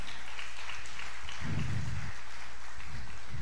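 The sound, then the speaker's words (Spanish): An audience applauds the Lord at a preacher's call, a steady, dense wash of many hands clapping that holds at a fairly even level throughout, with a brief low rumble partway through. “Amado, la naturaleza, dele un aplauso si usted quiere al Señor.”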